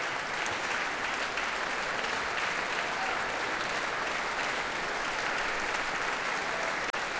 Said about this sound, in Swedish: Och nu kommer George Benjamin ut på scenen och ansluter sig till applåderna också till violinisten här. Och nu får han själv komma fram på scenen och fortsätta ta emot tacket från publiken.